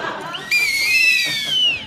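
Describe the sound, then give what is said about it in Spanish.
A shrill whistle is blown in a sustained, wavering blast lasting over a second, with overlapping tones from two whistles knotted together sounding at once, loud. “Dos silbatos que se han anudado y que ya por siempre quedarán anudados.”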